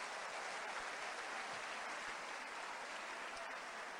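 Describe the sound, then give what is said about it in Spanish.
An audience applauds the Lord in a dense, steady wash of many hands clapping, holding an even level for about four seconds with no voices over it. “Un aplauso al Señor.”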